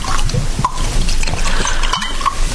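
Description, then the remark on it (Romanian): A liquid is poured into glasses, with a steady trickling splash and a few small clinks or drips, continuous for a couple of seconds without any talking. “Ia, n-o toarnă tu în pahare, mamă.”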